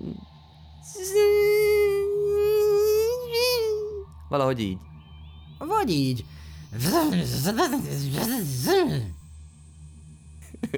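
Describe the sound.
A voice hums a steady, buzzing drone for about three seconds, imitating a 'space fly' in outer space, then speaks briefly before making a few more short, wavering vocal buzzes mixed with talk.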